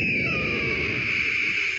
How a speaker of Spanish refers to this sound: Ahí sonó el águila, pasó por aquí. Se emocionó. Un águila, eso suena a un águila, no un águila moribunda